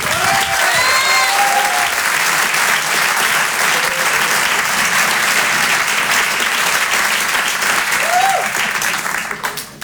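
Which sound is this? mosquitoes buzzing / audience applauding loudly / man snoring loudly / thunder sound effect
audience applauding loudly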